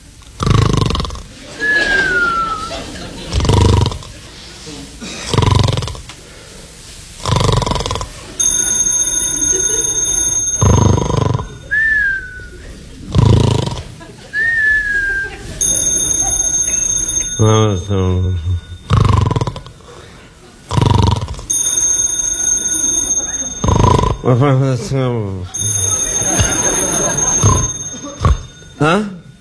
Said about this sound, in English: What was that? What was that? The phone. It's a phone. Who'd be calling me in the middle of the night?